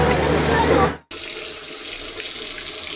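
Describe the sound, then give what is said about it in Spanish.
Water gushes steadily from a sink tap, a loud, continuous rush that cuts out for a split second partway through before streaming on. “Si no cerras la llave mientras lavas los platos o te cepillas los dientes, estás desperdiciando el agua que se tomarían 44 personas en un solo día.”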